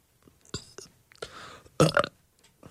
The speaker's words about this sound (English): Okay, I'm just gonna try and burp one more time.